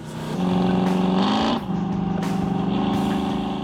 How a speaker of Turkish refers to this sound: İlk kez egzoz ayarını bu kadar iyi duyuyorum. Bu muhteşem. Bu ses egzoz sisteminden geliyor. Harika. Yeni motor yüzünden yeni ve özel yapım bir egzoz sistemi takmamız gerekiyordu. Ve sesi de çok güzel oldu. Sesi harika.